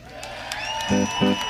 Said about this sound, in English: How about a big round of applause for WMNF and the Suncoast Blues Society for putting this shindangle together?